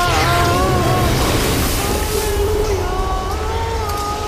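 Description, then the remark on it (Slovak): A steady, loud roar of rushing, turbulent river water fills the whole clip without pause, with faint wavering tones drifting above the churning noise. “Aby sme unikli všetkým nebezpečenstvám len preto, aby nás zmárnila divoká voda.”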